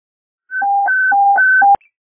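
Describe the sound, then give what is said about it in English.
A loud fire dispatch warble alert: an electronic tone rapidly alternating between a high and a low pitch for just over a second, cut off by a sharp click, with no voices. “Warble phone for a car, please.”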